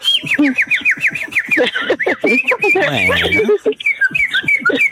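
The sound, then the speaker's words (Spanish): A bird whistles in loud, rapid runs of short sliding notes, pausing briefly for a harsher, buzzy call before the quick chirpy whistling resumes. “Ah, sí, aunque me chifle, fíjate. Déjale contesto.”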